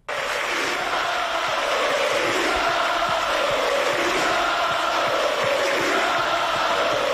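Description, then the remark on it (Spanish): A large stadium crowd of football fans in Santander, Spain, roars and cheers continuously in farewell to departing player Gustavo Puerta as he applauds the stand, a dense wall of voices with shouts rising out of it, steady and loud throughout with no speech on top. “La afición lo saluda para radio y él aplaude, saluda a la tribuna.”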